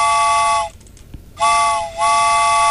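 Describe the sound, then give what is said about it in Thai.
Two loud, sustained blasts of a train whistle, separated by a short gap, each a steady multi-tone chord with a slight pitch dip at the start of the second. A radio show sound effect of a train coming to pick up the listeners at the start of the program's second hour. “เอาล่ะคุณผู้ฟังชั่วโมงที่สองแล้วนะคะมาแล้วค่ะรถไฟมารับคุณผู้ฟังแล้ว”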